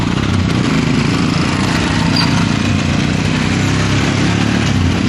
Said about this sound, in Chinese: 早上10点，德尔贡村村委会大院里，摩托车巡边队已经列队完毕。一面面崭新的五星红旗插在摩托车上，发动机依次响起，沉睡的山谷被唤醒了。